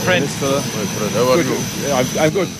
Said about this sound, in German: 7 Stunden später steigt er in Nouakchott, der mauretanischen Hauptstadt, aus dem Flugzeug.